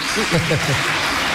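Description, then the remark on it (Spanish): A dense wash of audience applause fills the space, steady and fairly loud throughout, with a voice speaking briefly over the clapping near the start. “Si alguien quiere aplaudir, que aplauda, hombre, si se ha sentido.”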